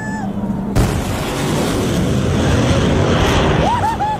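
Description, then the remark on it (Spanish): A sudden, loud sonic boom bursts in as a supersonic F-16 jet breaks the sound barrier and passes near a crowd, then rolls into a sustained low roar. Crowd voices murmur throughout, with a few rising whoops near the end. “Este es un video que encontré con detonaciones de cuando los aviones F-16 rompen la barrera del sonido, ¿cierto?”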